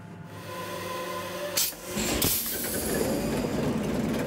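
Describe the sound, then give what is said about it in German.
An original 540 horsepower eight-cylinder ship engine, recently overhauled, running steadily in the engine room, with a dense mechanical clatter and low harmonic hum, broken by a burst of hissing noise partway through before the rumbling drone continues. “Der Maschinist zeigt ein Video, wie der Achtzylinder arbeitet.”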